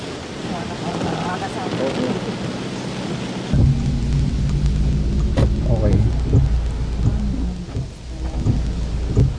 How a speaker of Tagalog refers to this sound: sa ulan pa rin gumising ang mga taga Baguio City at ilang lugar dito sa Benguet na hanggang ngayon ay inuulan pa rin.